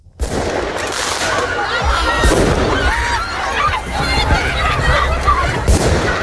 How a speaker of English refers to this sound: Sound of fireworks being let off and hundreds of students running down the street in Paris.